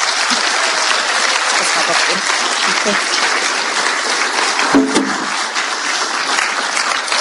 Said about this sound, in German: Genau, wir freuen uns und danke fürs Dasein. Kriegst du nochmal einen großen Applaus. Danke.